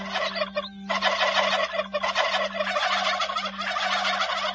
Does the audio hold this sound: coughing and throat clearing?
no